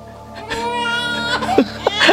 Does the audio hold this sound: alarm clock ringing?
no